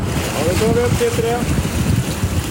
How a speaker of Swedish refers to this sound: Forskningsfartyget Svea vinschar en blåsig tisdag morgon upp en ställning med tuber ur havet efter att ha hämtat vattenprover från olika djup. Det här görs varje månad på en rad platser i haven runt södra Sverige.